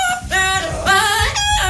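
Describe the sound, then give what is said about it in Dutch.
Two parrots in a viral TikTok video sing a pop tune in loud, sustained notes with a wavering vibrato, phrase after phrase over a soft low thumping beat. “Van twee papegaaien die het nummer echt loopzuiver zingen.”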